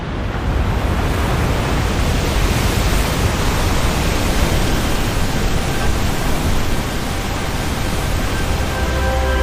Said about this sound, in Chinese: 在湿季的汛期，每秒约有5000吨的河水从维多利亚瀑布倾泻而下。